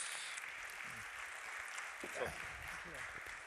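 An audience claps steadily throughout, a dense crackling wash of applause with no clear pauses, thanking a speaker as he steps down, while a voice briefly speaks underneath it.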